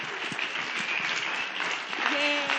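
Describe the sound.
An audience at a live radio program applauds steadily for a few seconds for a fellow member of the show, a dense, even wash of clapping that swells slightly near the end, with a few voices calling out underneath.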